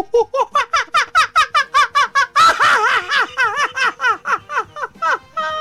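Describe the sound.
A man's voice imitates a monkey with a rapid series of high, squeaky hoots and chattering cries, loud and rhythmic, rising into a shrieking burst midway before settling back into steady pulsing calls.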